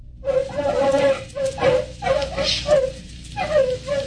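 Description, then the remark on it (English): Artificially enlarged terriers, loosed in fields of crops, yip and bark in a quick, uneven series of about six high, whiny calls, loud, with no one talking over them. “Following tape, field observation of terriers.”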